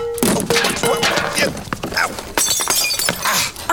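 A water pitcher smashes apart in a loud, crashing shatter, followed by a scatter of sharp clinks and bright ringing shards over several seconds.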